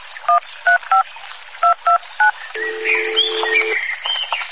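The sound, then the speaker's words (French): Six short, clear telephone keypad tones beep at an uneven pace, followed by a longer steady tone with faint chirping in the background. “Où est mon téléphone?”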